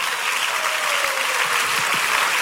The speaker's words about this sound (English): Oh, can somebody clap for God of Pega?